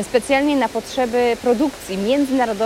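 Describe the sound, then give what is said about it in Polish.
A steady wash of splashing water from an indoor fountain set up beside the ticket offices of a train station in Łódź hisses in the background while a man talks continuously over it in the foreground. “szum, który Państwo słyszą na pewno w tle, no nie jest takim codziennym dźwiękiem, który możemy usłyszeć właśnie w przestrzeniach dworca, no ale to jest specjalna okazja, bo to jest dźwięk fontanny, która powstała tutaj, tuż przy kasach biletowych,”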